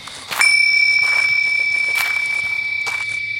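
A small bell rings with a bright, sustained metallic tone that starts abruptly and lingers, fading slowly over a few seconds amid soft background rustling and faint footsteps.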